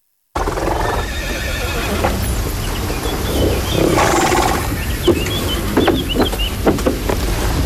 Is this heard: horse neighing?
yes